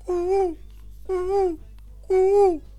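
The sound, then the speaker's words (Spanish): A man's voice imitates the call of a thirsty dove asking for water, with three evenly spaced, hummed coos, each a low, smooth tone that swells slightly and then falls away, with brief pauses between them. “¿Viste la paloma cuando tiene sed? Dice...”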